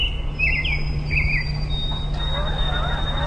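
A few quick bird chirps flutter near the start, then fade into a steady high insect-like whine over a low constant hum, with no voices present.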